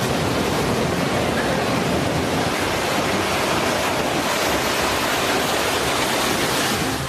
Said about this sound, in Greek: Στην παραλία φαίνονται και μέλη του στρατού, ενώ ο φουσκωμένος κυματισμός φτάνει έως την ακτογραμμή και στα κοντινά ακίνητα.